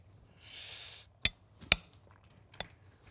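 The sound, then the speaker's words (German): Panko-breaded food, shaken off, goes into a frying pan with a brief burst of sizzling hiss, followed by a few sharp knocks and clinks of utensil against the pan. No one speaks. “Kommt gleich in die Pfanne rein. Genau, schön abgeschüttelt und dann drin damit.”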